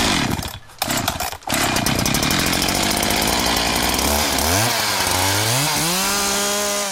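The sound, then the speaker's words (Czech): A petrol chainsaw, the most powerful one there and weighing 8 kilos, roars with a dense buzzing drone and a couple of brief dips early on, then the engine pitch swoops up and down as the throttle is revved. “Tak, tohle to je akupila a tamhle to je benzínová pila.”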